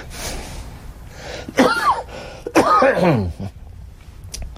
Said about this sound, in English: No, that's the coughing is a after effect from I had 66 treatments of radiation and chemo, and it does damage to you.